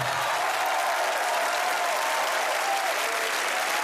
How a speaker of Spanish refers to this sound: Muchas gracias. El aplauso doble para el autor.